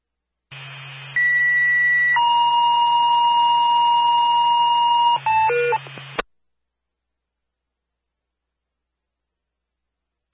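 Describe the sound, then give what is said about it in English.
A fire dispatch paging tone alerting crews to a medical alarm at Mill Building 34: a brief high beep, then a long steady lower tone, ending in a few quick chirps over a low radio hum before cutting to silence. “M-Wildfire, stand by for a tone.”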